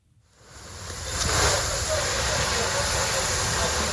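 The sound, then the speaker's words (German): A steady, loud hiss of water spraying onto smouldering fire as firefighters douse the last flames on charred ground at dawn in an industrial area in southern Kyiv, Ukraine, swelling in over the first second with a low engine rumble underneath. “Ein Feuerwehrmann schreitet im Morgengrauen über ein verkohltes Gelände. Seine Kollegen löschen letzte lodernde Flammen.”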